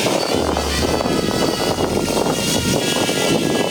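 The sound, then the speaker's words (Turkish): A steady, dense propeller buzz with a high whining edge runs continuously and loudly throughout, like small drone rotors spinning in flight at a student drone competition, with no voices. “Dronları, demonte dronları monte edip çocuklar drone eğitimi alıyorlar.”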